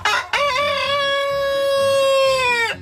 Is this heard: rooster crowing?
yes